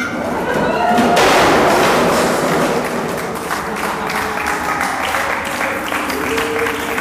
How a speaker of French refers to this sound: Sympa de m'accueillir en m'applaudissant. C'est incroyable.